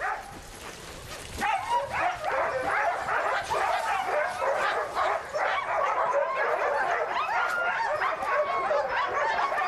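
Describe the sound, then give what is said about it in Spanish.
A large pack of sled dogs barks and yips all at once, a dense, excited chorus that starts after a brief moment and keeps going loud without a break. “Todavía no tengo mis propios perros de tiro. La mitad de los perros son de mi padre, la otra de mi madre.”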